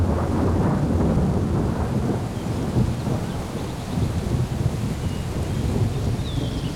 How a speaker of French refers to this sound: L'orage s'est déplacé au dernier moment. On n'a reçu que quelques gouttes.